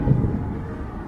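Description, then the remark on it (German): A deep, steady rumble of thunder after a lightning strike rolls through the whole moment, heavy in the low end and fairly loud, with no voices over it. “Oh, gerade ein cooler Blitz, juhu.”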